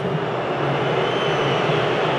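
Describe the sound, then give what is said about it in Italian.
A huge crowd of about 71,000 at Atlanta Stadium whistles and jeers in disapproval, a loud, unbroken wall of shrill noise that holds steady for the whole stretch with no one talking over it. “I fischi sentite in sottofondo che arrivano dai 71.000 dell'Atlanta Stadium.”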